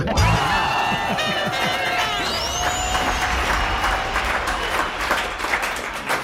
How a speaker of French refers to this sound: Franchement, on peut applaudir Alix Anzelin.